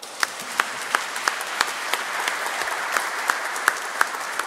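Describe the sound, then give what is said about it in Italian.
An audience at Mass in the diocese of Ragusa applauds steadily to thank the priest who presided over the Eucharist. It is a dense wash of many hands clapping, with a few sharper, louder claps standing out at irregular moments, and no talking. “Quindi lo salutiamo e lo ringraziamo con un applauso.”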